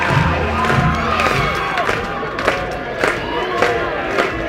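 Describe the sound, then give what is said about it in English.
A capacity crowd at a Michigan versus Ohio State baseball game roars and cheers continuously at high volume, with a dense wash of voices and sharp rhythmic claps punctuating the din about every second. “Capacity crowd in full throat.”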